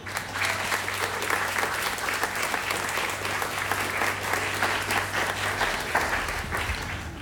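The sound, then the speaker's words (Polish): Sustained applause from an audience for a man during a live band performance, a dense steady crackle of many hands clapping at even loudness throughout, with a low hum underneath that fades near the end. “Brawo dla tego pana.”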